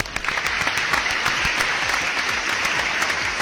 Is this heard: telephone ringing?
no